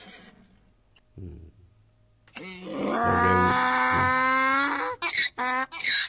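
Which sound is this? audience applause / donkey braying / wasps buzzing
donkey braying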